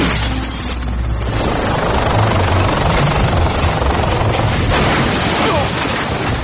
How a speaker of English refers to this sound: Spaceport air traffic. Alter course. The interplanetary shuttle is departing.